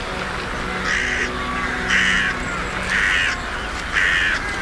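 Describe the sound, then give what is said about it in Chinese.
Four harsh, raspy caws from ravens and crows that threaten pelican chicks at a hot desert lake breeding site ring out at a steady pace, roughly one per second, fairly loud against a constant hiss of outdoor background noise. “然而现实总比理想残酷，渡鸦和乌鸦对鹈鹕雏鸟寄予许久，构成了很大威胁。”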